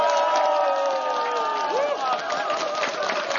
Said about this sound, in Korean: 자, 우리 같이 한번 함성 박수로 다시 한번 시작해 볼까요?